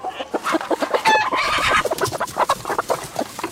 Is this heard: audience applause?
no